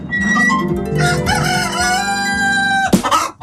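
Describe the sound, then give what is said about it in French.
In a henhouse, a rooster crows loudly, its drawn-out call ringing through while hens cluck and chatter around it, with a sharp burst of clucking near the end. “Ah, ça me rappelle le coq qui chantait dans mon jardin avant-hier à 5h du matin.”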